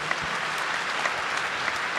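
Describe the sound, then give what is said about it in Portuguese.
A crowd claps steadily in praise of the Lord at a religious gathering, a dense wash of many hands applauding at an even level with no voices over it. “Vamos dar uma salva de palmas a nosso Senhor.”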